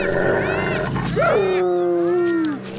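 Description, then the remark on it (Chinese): A spotted hyena, a clan leader asserting its presence when food is shared, roars loud and drawn out: a deep call swoops upward, then holds and slowly falls, with other overlapping animal cries around it. “这也正是头领展示存在感的时机，虽然通常情况下仅仅是几声咆哮和有力的抓挠足矣。”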